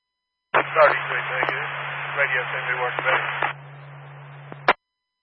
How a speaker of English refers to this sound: We're asking for a radio check. It's coming in a little staticky. We can barely copy it, but we can copy a little bit.